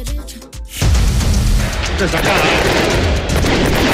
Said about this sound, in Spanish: Son efectos. Son efectos, son de verdad los fuegos artificiales ahora, ¿eh?